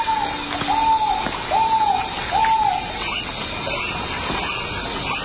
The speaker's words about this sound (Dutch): Dus ja, dit is waarschijnlijk een ralachtige die we nu horen.